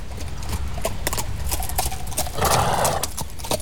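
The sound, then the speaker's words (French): A horse returning from a ride approaches the Château de Moulinsart with a steady clip-clop of hooves on hard ground, then lets out a loud, drawn-out whinny near the end, with no talking. “Vous voyez, voilà déjà son cheval.”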